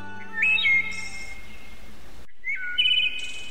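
A bird in summer plumage, hopping from branch to branch, gives two short bursts of bright, cheerful whistling chirps, separated by a brief pause, over a faint, steady background hum.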